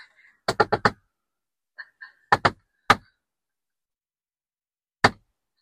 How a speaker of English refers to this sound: We do have a secret code knocker. We do. It goes like this.